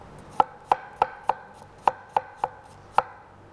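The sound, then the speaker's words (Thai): Eight sharp knife chops on a cutting board, crisp, falling in a fairly steady rhythm with brief pauses, as washed apples with the peel on and the core removed are cut into small pieces for a blended sauce. No one speaks. “แล้วก็แอปเปิ้ลล้างให้สะอาดแล้วก็หั่นเป็นชิ้นเล็กๆ เราใช้ทั้งเปลือกเลยนะคะเอาส่วนที่เป็นไส้แกนกลางนี่ออกซะแอปเปิ้ลเนี่ยเราต้องใช้ทั้งเปลือกเพราะว่าเราจะได้สีของเปลือกด้วยนะคะแล้วก็ได้วิตามินจากเปลือกด้วยแล้วก็ใส่แอปเปิ้ลหั่นชิ้นเล็ก”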